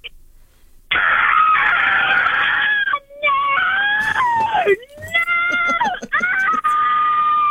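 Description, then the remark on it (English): A woman caller from Jimboomba lets out loud, sustained screams on request, several long shrieking bursts with brief breaks between them, strained and wavering in pitch like an outburst of frustration. “can you scream?”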